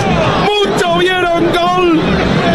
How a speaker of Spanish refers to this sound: Muchos vieron gol, gritaron, ¿dónde pasó esa pelota? El centro y Montiel se fue desviada, era el gol de River, muchachos.